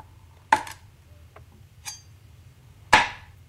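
A few sharp knocks of a knife chopping on a cutting board, three distinct strikes spaced unevenly with faint taps between, fairly loud over a low background hum.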